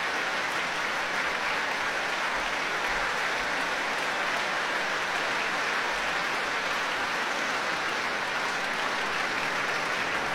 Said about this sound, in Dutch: En met alle strijkers mogen gaan staan van Lavezzani om dit applaus in ontvangst te nemen hier in Rotterdam.